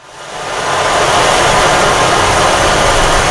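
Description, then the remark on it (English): A water-imitating instrument gives a dense, rushing hiss like rain or surf, swelling up over the first moment and then holding steady and loud. No one speaks. “Can we hear the one that sounds like water?”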